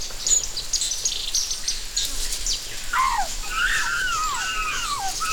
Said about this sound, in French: La vie foisonne. Écoute. Tu entends le bavardage des oiseaux?